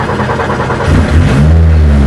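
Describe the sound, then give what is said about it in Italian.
A car engine cranks briefly, then catches with a deep, loud roar and revs up, its low rumble swelling and holding steady, with no voices. The car is being started live on air. “Allora, proviamo ad accenderla? Lo facciamo in diretta, sentite che rombo.”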